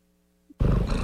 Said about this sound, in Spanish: No hay masaje para mis oídos más reconfortante que el ronroneo de mi gato.